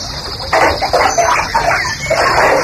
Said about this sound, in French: Tu sors pas de ton bain? Ça va? Ah, tu vides ta baignoire, là? Voilà, je sors.